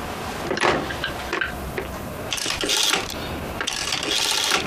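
A door is pulled shut, with a few sharp knocks and rattling, scraping bursts as it moves and latches. No one speaks.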